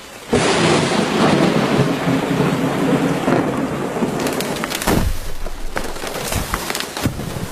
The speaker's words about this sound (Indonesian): Eh, kalian dengar suara pohon tumbang gak?